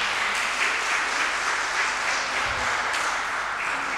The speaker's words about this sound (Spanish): Un aplauso.